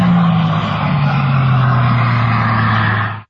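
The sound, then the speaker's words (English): Andy Green's hydrogen-powered record car roars by loud across the salt flats in Utah at up to 406 miles per hour, its steady engine drone sliding gradually lower in pitch as it passes, then cutting off abruptly; no voices. “Blazing across the salt flats in Utah, Andy Green, a retired Royal Air Force pilot, reached a top speed of 406 miles per hour yesterday in a hydrogen-powered car.”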